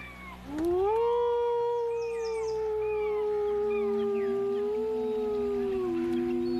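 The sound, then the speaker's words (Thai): Coastal wolves howl in a sustained chorus, one long rising then steady howl in front with other voices weaving higher and lower behind it, loud and continuous with no talking. “พวกหมาป่าก็เช่นเดียวกับหมีที่กำลังรอคอยการมาถึงของแซลมอน”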